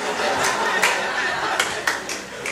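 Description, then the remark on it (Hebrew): Scattered applause from an audience, a dense wash of clapping with a few sharper individual claps standing out, fairly steady and moderately loud over about two and a half seconds. “אנחנו נשמע את מחיאות כפיים לקטעים החלשים עוד יהיו כאלה.”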